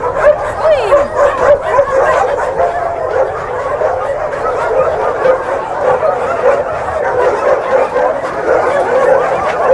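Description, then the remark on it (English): Many dogs bark and yip together in a loud, continuous chorus as they are being fed, with excited high-pitched yelps and whimpers overlapping throughout. “Oh, here's some dog is getting food.”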